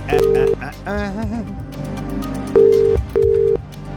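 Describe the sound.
A telephone ringing tone on an outgoing call: a steady, loud electronic tone sounds in three short bursts, with a person speaking briefly in the gap between the first and second.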